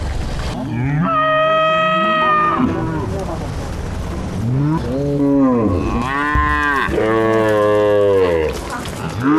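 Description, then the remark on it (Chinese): Several Yunling cattle, a cross of Australian Brahman and Murray Grey with Yunnan yellow cattle, from a grazing herd of about 2,000 moo in overlapping, drawn-out calls, one long low at the start, then a cluster of loud bellows from multiple animals with a faint ambient background. “云岭牛，这些来自澳大利亚的婆罗门牛和莫雷灰牛与云南黄牛的杂交后代，在这里自在生长。”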